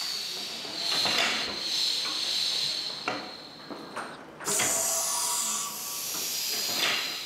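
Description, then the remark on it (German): Steam hisses from a press shaping Panama hats in Ecuador, giving them their final form and size, in loud, broad bursts, with a brief pause before a fresh blast of hissing; faint mechanical clunks sit underneath and no one speaks. “Per Dampf und Druck.”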